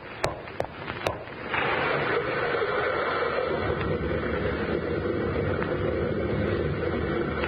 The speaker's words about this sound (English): Sounded like a rock slide.